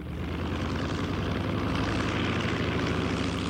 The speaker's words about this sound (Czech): Letadlo se čtyřlístkem se vyhouplo nad mraky.